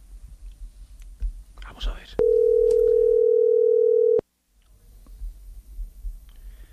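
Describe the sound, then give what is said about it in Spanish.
A telephone dial tone, one steady mid-pitched hum, sounds loudly for about two seconds and cuts off abruptly, preceded by soft clicks and faint murmuring. “Marquemos otra vez.”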